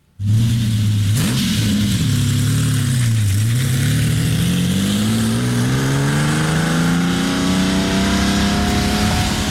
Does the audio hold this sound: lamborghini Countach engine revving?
yes